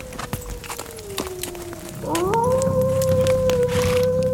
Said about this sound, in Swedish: Den där vargen är långt borta.